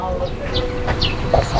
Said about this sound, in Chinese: 那个鸭子，哎呀，这是院子的。